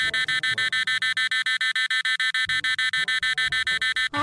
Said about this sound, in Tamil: என்ன அலாரம் அடிக்கிறது? அதற்குள் மணி 6 ஆகிவிட்டதா? மணி 5 தான் ஆகிறது. யாரோ நேற்று வைத்த அலாரத்தை மாற்றாமல் உறங்கி இருக்கிறார்கள்.